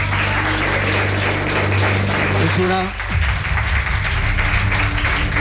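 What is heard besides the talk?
audience applause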